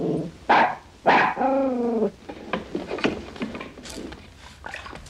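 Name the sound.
dog barking and growling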